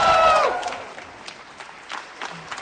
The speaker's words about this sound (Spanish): Sale de su oficina y la gente, la verdad, que la aplaude de una manera pero muy fuerte. Ella sonríe, mira a la gente, la siguen aplaudiendo.